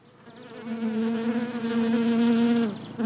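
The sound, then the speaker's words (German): A steady, dense buzzing of many bees busily at work inside a hive, building honeycomb, continuous for about three seconds, with a slight drop in pitch near the end. No one speaks. “Im Bienenstock herrscht emsiges Treiben.”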